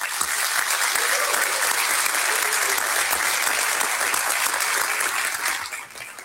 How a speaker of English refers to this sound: So this time, let's have a round of applause for both of our candidates.